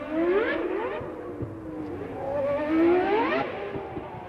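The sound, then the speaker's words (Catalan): A racing car engine revs up and down in sweeping waves, its pitch climbing and dropping repeatedly as the car accelerates and shifts. It sounds steady, with no voices. “Ens posam en situació i entram dins un cotxe, encara que també ens valdria un simulador.”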